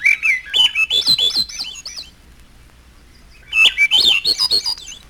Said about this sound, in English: The final section, Misterioso, contains only thrushes. Olive-backed thrush.